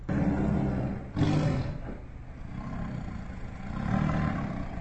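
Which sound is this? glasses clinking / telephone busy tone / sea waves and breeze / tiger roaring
tiger roaring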